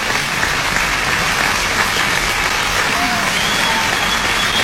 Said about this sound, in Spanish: Y estos aplausos son para ustedes.